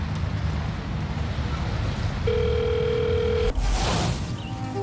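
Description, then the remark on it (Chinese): A telephone ringback tone as someone places a phone call, sounding once as a steady, clear beep lasting about a second, set against a constant windy, rumbling background, with a short fainter tone near the end. “您就放心吧，不跟你说了，我给他们打个电话，他们要来接我了。”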